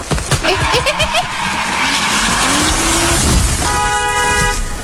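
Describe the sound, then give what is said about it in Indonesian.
A car brakes hard in heavy rain, its tires skidding with a rising, grinding screech over a loud, steady roar, followed near the end by a sustained car horn blast. “Ya ampun, untung aja Papa cepet ngeremnya.”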